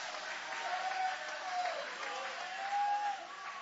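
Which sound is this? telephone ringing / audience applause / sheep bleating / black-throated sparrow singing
audience applause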